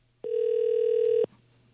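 A single steady telephone ringback tone sounds for about one second, clear and fairly loud, then stops, leaving a quiet low hum with no one talking.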